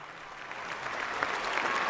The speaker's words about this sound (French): Et la foule acclame.